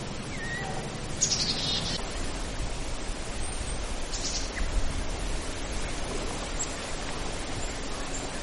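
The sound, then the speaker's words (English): A gray jay gives two faint calls from across a little bit of water, short bright bursts spaced a few seconds apart over a steady hiss of outdoor background noise. “That's a sound across a little bit of water from me. It was a gray jay.”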